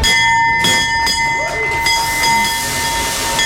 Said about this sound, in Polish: Po 10 latach na giełdzie papierów wartościowych pojawił się nowy dzwon otwierający sesję notowań. 3, 2, 1.